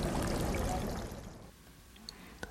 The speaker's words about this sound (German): Sie hat uns zu den Brunnen auf dem Münchner Viktualienmarkt mitgenommen.